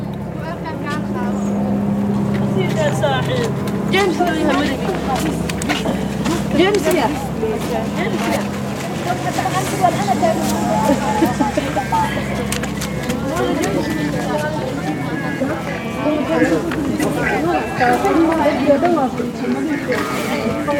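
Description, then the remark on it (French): A small Frontex surveillance airplane drones steadily over the town of Dunkirk, France, and its seawall, its low engine hum constant throughout, while people chatter in an outdoor setting. “Voilà l'avion de Frontex qui survole la ville de Dunkerque, la digue.”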